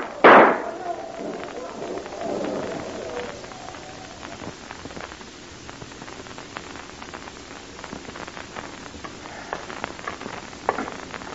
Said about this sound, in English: Say, we'd better help them on their way, eh? A few parting shots whistling over their heads will keep them moving like this.